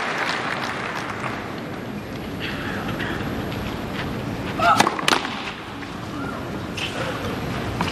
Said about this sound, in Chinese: 现场的观众也都在给主场作战的选手报以掌声，给他加油。